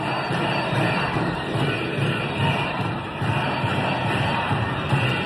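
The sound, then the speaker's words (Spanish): A large protest crowd of about 30,000 people marching through central Valencia chants together, shouting for the resignation of the consellera of Education, a dense roar of many voices that holds a steady loudness throughout, with faint rhythmic surges of repeated shouted slogans. “Consellera, dimisión es lo que gritan.”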